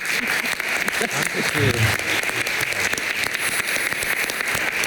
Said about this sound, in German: Also das verdient einen tosenden Applaus.